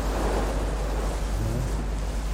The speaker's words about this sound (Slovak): Zdá sa mi, že počujem more. No počúvajte. Sme celkom blízo.